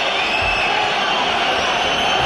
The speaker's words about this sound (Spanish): Bueno, aquí tenemos a los aficionados delante, con pañuelos blancos, gritos de fuera a fuera. Y se giran al palco, ¿eh?